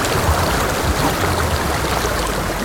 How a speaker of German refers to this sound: Wenn man in den Bergen ist, das Rauschen von Wasser, ich finde es ein anderes als Meerrauschen.